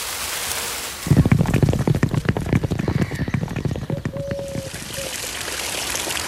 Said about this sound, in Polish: A widzisz tę fontannę przed zamkiem? Ogromna, co nie?